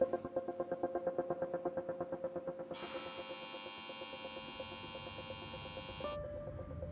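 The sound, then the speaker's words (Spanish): Large industrial turbines of a giant CO2 capture machine in a subalpine region of Switzerland hum steadily, with a rapid pulsing throb at first. The turbines are powered by energy from a waste incineration plant and filter CO2 from the air. A bright high-pitched whine then joins for a few seconds before dropping away, leaving the low drone. “Aquí en la discreta región subalpina, un grupo de habilidosos suizos han construido una gigantesca aspiradora de CO2. Utiliza la energía de una planta incineradora de residuos para propulsar turbinas que filtran el CO2 del aire.”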